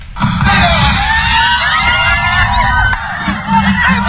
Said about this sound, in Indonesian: Suasana sejuk di kawasan Pantai Seraya, Kelurahan Sepinggan Raya, Balikpapan Selatan mendadak riuh oleh gelak tawa warga menyambut hari ulang tahun kemerdekaan Republik Indonesia ke-81.